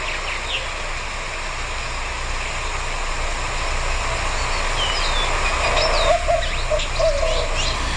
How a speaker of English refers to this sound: It's very owl-like. And so if you think you're hearing an owl all day, every day, go check it out. It could be this bird, the white-winged dove.